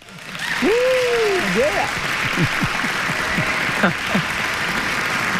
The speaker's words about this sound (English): Well, thank you. And let's give you a round of applause for that.